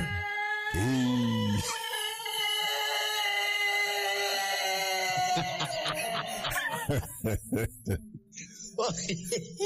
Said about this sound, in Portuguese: tá igual esse galo aqui, né?